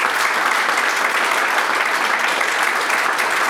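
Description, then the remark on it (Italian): Steady, dense applause from a studio audience at the close of the TV programme People, many hands clapping continuously at an even loudness throughout, with no voices standing out above it. “Quindi grazie, grazie a voi tutti, un applauso.”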